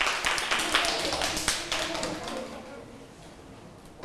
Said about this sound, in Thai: มีกลุ่มไหนอีกไหมคะถ้าไม่มีแล้วนะคะปรบมือให้กับกลุ่ม5ด้วยค่ะ